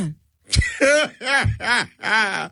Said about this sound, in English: Let me clear my throat.